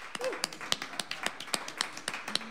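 Scattered applause from a small audience at the WDVX Blue Plate Special for the performer of the first half of the show: a dozen or so sharp, separate claps in an uneven rhythm, fairly light rather than a full roar, with faint murmurs underneath.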